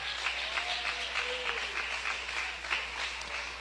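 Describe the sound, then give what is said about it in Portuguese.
A crowd applauds loudly for Jesus, a dense wash of many hands clapping at once with no pause, sustained for several seconds. “Palmas para Jesus, bem forte.”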